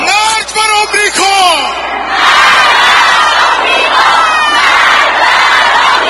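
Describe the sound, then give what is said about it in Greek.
A large crowd holding photographs of the slain man, black and red banners and Iranian flags shouts slogans of revenge against America and Israel in unison, loud and dense, a single voice calling out at first before the massed chanting swells and continues steadily. “Κρατώντας φωτογραφίες του δολοφονηθέντος, μαύρα και κόκκινα λάβαρα, σημαίες του Ιράν και πανό, και απαγγέλλοντας στίχους από το Κοράνι, ο κόσμος φωνάζει συνθήματα εκδίκησης κατά της Αμερικής και του Ισραήλ.”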